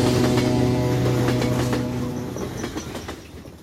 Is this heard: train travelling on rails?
yes